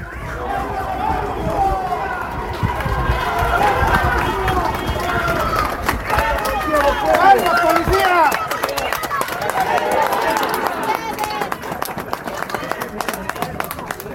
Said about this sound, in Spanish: Ahí están pasando los policías, la gente aplaude.